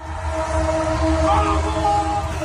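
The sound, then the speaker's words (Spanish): A train horn blares in a long, steady tone for several seconds, loud, over a dense wash of background noise that may include voices, as trains join thousands of fans celebrating a victory in Buenos Aires. “Es que hasta los trenes participaron del festejo.”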